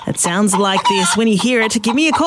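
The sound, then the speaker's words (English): Short chicken clucks, hidden in a song for a CFM radio contest, sound loud, mixed in with a person talking continuously over them for a couple of seconds. “Throughout this next hour, there is a chicken hidden in a song.”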